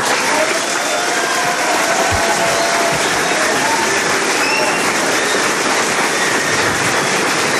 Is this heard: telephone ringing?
no